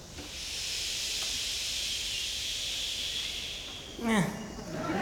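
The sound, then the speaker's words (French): Half of an audience, directed by a musician, makes a long, steady shushing hiss together, imitating the sound of sea waves, holding it for several seconds before a single voice briefly cuts in near the end. “… qui fait faire la mer au public, le son des vagues.”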